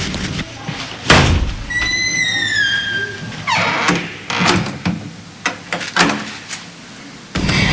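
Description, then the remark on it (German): A door to a room is slammed hard in anger, followed by a short creak and a series of sharp metallic clicks and rattles as a key is turned in the lock, then another heavy thud. “knallte wütend die Tür zu und drehte den Schlüssel im Schloss um.”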